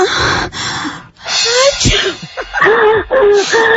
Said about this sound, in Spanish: Ahí, y ahí mismo como que alguien estornudó. Identificó muy bien el sonido porque en sí ese sonido fue... con catarro.